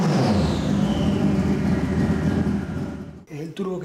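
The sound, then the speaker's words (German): A turbocharged motorcycle engine, fitted in a 400 kg race car instead of a car engine and producing 400 PS, revs hard: a loud, dense roar with a high whine sliding across it, then cuts off abruptly near the end, where a voice briefly speaks. “Statt eines Automotors hat José Manuel einen Motorradmotor verbaut, wegen des geringeren Gewichts”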